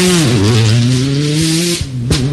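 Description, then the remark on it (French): A Peugeot 208 T16 rally car engine revs hard and steadily on the start ramp before the start signal. Its low droning pitch dips, then climbs and holds, with a couple of sharp bursts near the end and no one talking. “qui ont enclenché la vitesse et qui vont donc partir sur une Peugeot 208 T16.”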